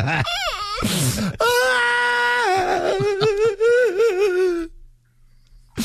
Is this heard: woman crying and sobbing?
yes